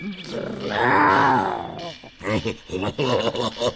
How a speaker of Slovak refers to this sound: Čo to? Ona tuším vrčí.